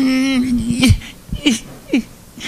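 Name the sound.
person crying with joy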